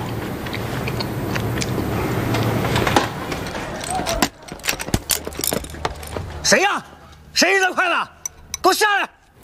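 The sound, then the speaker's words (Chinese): Chopsticks are thrown and clatter down in a quick burst of sharp, bright clicks after a dense, noisy background, followed by loud, agitated voices shouting. “谁呀？谁扔的筷子？给我下来！”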